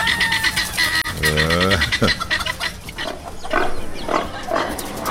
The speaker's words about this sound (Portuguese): Porcada no chiqueiro, vaca mugindo. É a bicharada também despertando, né?